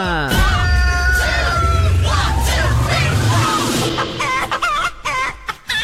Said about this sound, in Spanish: Vamos a poner el gallo de una vez porque siento que están todos dormidos. Ya es hora, ya es hora.